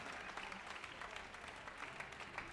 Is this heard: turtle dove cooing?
no